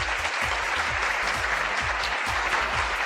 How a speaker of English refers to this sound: Can we get some real applause?